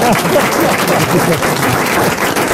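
An audience claps steadily and loudly throughout, a dense, continuous patter of many hands, with a few voices faintly audible beneath the applause.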